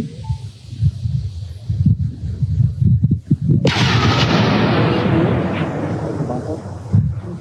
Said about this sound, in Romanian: Postul local de televiziune Vremea Nouă a publicat imagini cu momentul detonării dronei. Explozia nu a fost foarte puternică, poate și pentru faptul că totul s-a petrecut în groapa, săpată de un excavator adus de la primăria Vișoara.